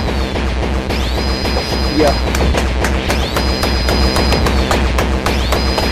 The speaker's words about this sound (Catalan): Són sons d'error de Windows. Sí, sí, sí.